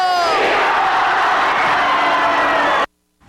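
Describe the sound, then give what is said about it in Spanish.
A large crowd roars and cheers loudly for nearly three seconds, a dense wall of overlapping shouts, then cuts off abruptly into near silence, at a 2026 Grito de Independencia celebration in a public square in Mexico. “Las celebraciones del Grito de Independencia 2026 se llevaron a cabo en toda la República, en las diferentes plazas públicas del país, con fiestas populares”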